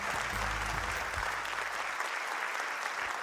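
Steady audience applause fills the whole stretch, a dense wash of many hands clapping at an even level, with a low hum underneath during the first second or so.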